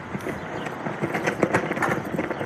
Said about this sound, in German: Eine US-Flagge knattert im Wind in der kalifornischen Mojave-Wüste.